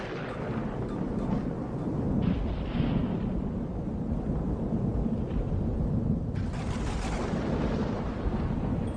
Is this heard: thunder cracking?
yes